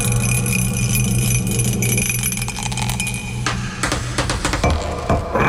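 A single die is rolled in a dice game, landing on 1, giving a run of quick, uneven clattering clicks and tinkles over a steady low hum, with the sharpest knocks near the end.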